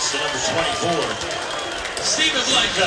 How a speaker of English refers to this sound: You could hear the crowd on that contact. The result of the play. Actually, but it wasn't a block. It was a Blanco running through one of the Lamar defenders.